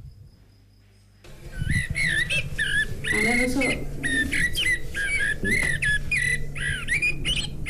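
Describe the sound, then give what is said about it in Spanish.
A blackbird song from a bird clock, marking one o'clock, plays loud after a second of near silence, pouring out varied fluting, warbling phrases back to back for several seconds, with a faint steady hum underneath. “Es el mirlo y tiene pues muchos pájaros más.”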